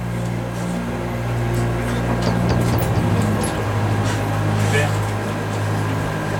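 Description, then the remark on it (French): The dive planes on a submarine's sail move through the water at 16 metres depth: a steady, low mechanical drone with layered humming tones, a wash of hiss above, and a few faint clicks and swells over the continuous rumble. “Là, les barres de plongée avancent dans l'eau.”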